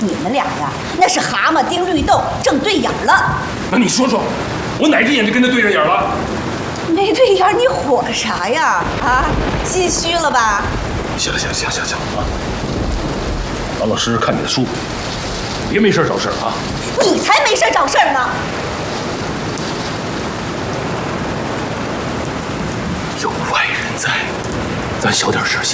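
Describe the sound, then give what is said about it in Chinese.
Heavy rain pours steadily outside in a constant, dense hiss, with a deep rumble of thunder in the background. Voices talk over it early on, then the downpour carries on alone. “外边天下大雨呢，他还病着。”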